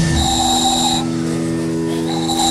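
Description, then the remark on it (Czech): A small handmade ball-shaped whistle is blown at a town festival, sounding in steady, shrill tones for about a second, pausing, then resuming, over a continuous low hum of background noise. “Vyrábil jsem tady takový kuličky, do toho se fouká a se toho vyrobí taková píšťalka.”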